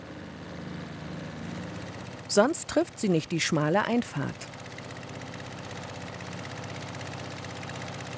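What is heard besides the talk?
motorboat engine running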